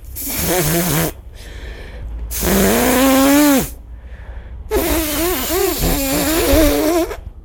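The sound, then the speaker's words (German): Three loud, forceful nose blows, each a long breathy rush with a wavering honking tone through it, separated by short pauses with a faint hiss of background noise. “Schnauben? Was ist denn das? Ganz normal sich Nase putzen.”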